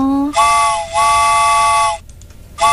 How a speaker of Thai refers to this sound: รถไฟออกก่อนดีกว่า